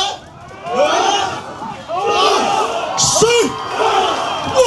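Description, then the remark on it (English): A large group of villagers shout and holler together in loud, overlapping voices as they lift a boat and carry it to the water, in a ceremony preparing them to row over 100 miles to the Batanes Islands, northern Philippines; a continuous rousing chorus of cries that swells and surges for several seconds. “And with that noise, they're trying to pick up the boat and take it over to the water, all of them together at once.”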